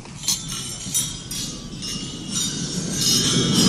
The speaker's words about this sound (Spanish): Estaba yo escuchando el brindis en la cena de gala de Macron y quiero que escuchéis el ruido de las copas. Esto es real, ¿eh? En el brindis.